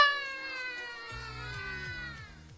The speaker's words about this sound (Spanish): ¡Miau! ¡Miau!